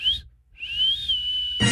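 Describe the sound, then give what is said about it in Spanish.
A person whistles a two-part signal call: a short rising note, a brief pause, then a long sustained tone that bends slightly up and down, ending as a burst of noise cuts in. “La tía le silbaba así.”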